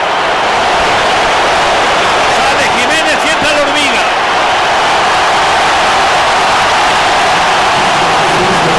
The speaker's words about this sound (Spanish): Y voy a dejar que escuchen porque se va Raúl Alonso Jiménez. El que entra será Armando la Hormiga González. Será ovación doble para el que sale y para el que entra. Vamos a escuchar.